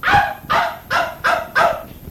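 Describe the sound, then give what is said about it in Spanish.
A dog barks five times in a quick, steady series, each bark sharp and fairly loud, with no voices over it, as the dog is being taken out. “voy a sacar el perro también por si quiere ir al monte, oye.”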